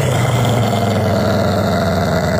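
A tiny white kitten growls at Sully the Wonder Dog in one long, unbroken low rumble, steady and fairly loud, with a rough buzzing tone that holds the same pitch throughout and no voices.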